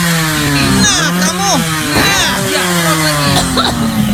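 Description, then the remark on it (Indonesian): A freshly tuned-up motorcycle engine runs loudly and steadily throughout as it is revved to blow exhaust smoke into a house to kill mosquitoes, a buzzing low drone with a slight rise and fall in pitch, while people talk over it. “Bukan asap penalpot motor lagi. Ya udah matiin itu motor.”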